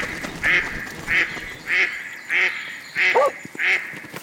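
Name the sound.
duck quacking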